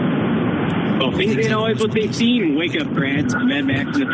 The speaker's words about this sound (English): I recognize the drone of your car